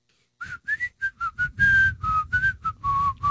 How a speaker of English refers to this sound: …, can you whistle?